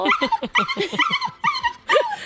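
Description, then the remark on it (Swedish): Several excited dogs bark and whimper in rapid, overlapping bursts in the outdoor dog yard of a dog boarding kennel in Älvsberg on a warm day, with high yips and whines filling the short stretch almost continuously. “Vi går ut i hundgården.”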